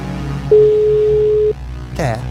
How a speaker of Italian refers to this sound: Attenzione amici, se l'avete mandato adesso fissate il vostro cellulare, perché vi stiamo chiamando. Avete 5 squilli, dovete solo rispondere con un bel buongiorno. Che bella. Questo è già il primo. Vedi? Secondo squillo, sì. Dai.